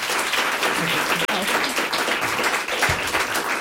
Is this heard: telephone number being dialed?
no